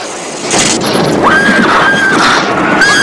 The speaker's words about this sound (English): A horse in a white coat bursts through the doors, ridden by a knight in silver armour. The horse rears up, and as the knight raises his sword, he hits the light fixture, sending sparks throughout the room.